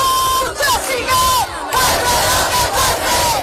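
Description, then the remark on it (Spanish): A large housing protest crowd at night in the Plaza de la Encarnación in Seville, Spain, chants and shouts in loud, rhythmic waves, with sustained high-pitched whistles or cries sliding over the dense roar of voices. “Escuchamos los sonidos desde la Plaza de la Encarnación.”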